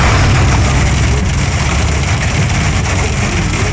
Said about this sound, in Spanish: Ahí está. Está cayendo en el carro. En el carro se siente más la granizada.